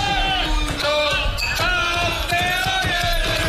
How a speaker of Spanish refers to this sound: Mira. Lo que dice el ruido, ¡que gana el Mundial de Moto3! Dentro del bar.